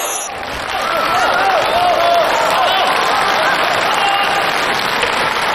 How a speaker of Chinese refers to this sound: 好啊。感谢朋友们这么热情的掌声。 是， 您看，作为我们演员来说呀，啊，最想听到的就是朋友们的掌声。